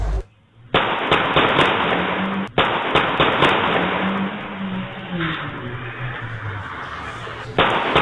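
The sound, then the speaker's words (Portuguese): Loud, sharp gunshots crack in quick bursts over muffled, tinny street noise, recorded by a street security camera around 6 in the morning as a couple in a car is shot, with a vehicle engine droning and shifting pitch in the background after the shots. “Uma câmera de segurança na rua conseguiu registrar o momento dos disparos.”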